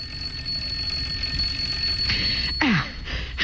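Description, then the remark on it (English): A doorbell rings with a steady, shrill electric tone for a couple of seconds, then cuts off abruptly as other noises follow. No voices are heard. “I said the doorbell. What about it? It's ringing.”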